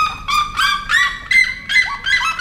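A red-legged seriema's loud call to its partner in the Brazilian savanna: a rapid series of about six harsh, ringing yelps in a steady rhythm, strong, reaching about 120 decibels, with no voices.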